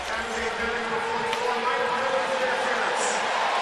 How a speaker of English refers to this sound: A penalty coming up against Sharks hockey after a little interference going on in the neutral zone. And, of course, the sarcastic cheer from the fans here in L.A. as the penalty is called to Marc-Edouard Vlasic.